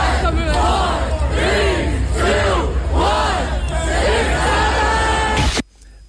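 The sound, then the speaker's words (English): A large crowd of adults at a meet-up in Washington Square Park chants "six-seven" in unison, the loud two-beat shout repeating rhythmically about five times over steady crowd noise before cutting off abruptly. “A crowd of people gathered to say 6-7.”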